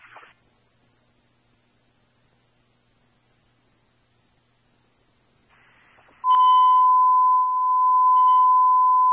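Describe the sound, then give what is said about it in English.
A radio dispatch alert tone sounds: after a brief burst of static, a loud, steady high-pitched beep starts and holds for about three seconds, with no voices. “That's what you said when we were beeping.”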